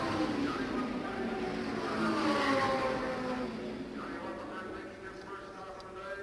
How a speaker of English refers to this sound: We'll be looking for car number one with Al Unser and Pete Revson's number 86 as they come by us.